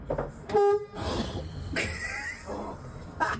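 A bus horn, honked from the driver's seat of a parked bus fitted inside with shelves of books and games, gives one short, loud honk at a steady mid pitch, followed by a rumbling, noisy background with a few brief bursts of sound and no talking.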